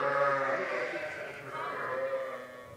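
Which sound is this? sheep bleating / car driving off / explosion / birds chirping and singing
sheep bleating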